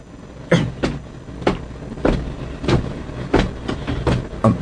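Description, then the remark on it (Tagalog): A jeep engine idles on the road, its low rumble punctuated by a steady series of loud rattling, clattering bursts. No one speaks. “Oh, nagdulog kami sa tubang sang honor type jeep.”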